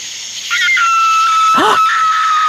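A fox lets out a shrill, drawn-out scream at night in the dark countryside, a sustained high wail with a brief wavering, bending cry in the middle, over a steady high-pitched hiss of insects.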